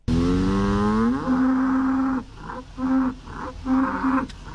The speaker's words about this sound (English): All right, and here is the third and final cow. Is it expensive or not?